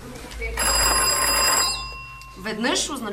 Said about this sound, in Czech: Protože ještě neexistoval telefon, byla v dole zvonková signalizace mezi dnem šachty a povrchem, kam se nejdřív ručně a později koňmo dopravovali vozíky s uhlím. Jedno zazvonění znamenalo zastav, dva byl signál pro spust vozíky dolů,